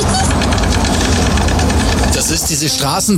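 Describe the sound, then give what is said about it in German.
Storks in Portugal clatter their bills in a loud, rapid, continuous wooden rattle that runs for a few seconds, and a voice starts talking over the last second. “Das sind Störche.”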